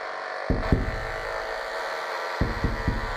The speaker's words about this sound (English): You might be able to hear that the knifefish is producing a nearly constant stream of electrical pulses.